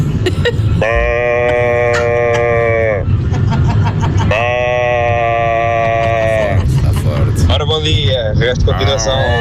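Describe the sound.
A man from Alenquer imitates a sheep with two long, nasal bleats, each lasting a couple of seconds with a slight waver, separated by a short pause, sounding loud.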